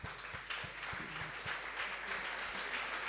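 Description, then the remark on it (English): Students applaud their teachers steadily, many hands clapping in a dense, continuous wash of sound that holds at an even, fairly loud level throughout, with no voices heard. “Applaud for your teachers.”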